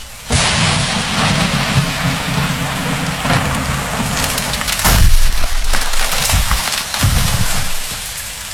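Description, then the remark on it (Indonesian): A tree in a forest cracks and splinters as it falls amid steady, heavy rain, with a loud, deep crash in the middle and another sharp crack shortly after. No one speaks. “Kalian dengar suara pohon tumbang nggak?”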